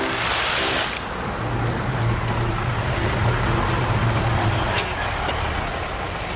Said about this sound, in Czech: nakladné auto.